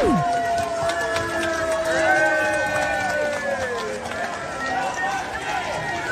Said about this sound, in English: You're trying to celebrate the official king's birthday with a trooping of the colours and there's a riot and people are booing you.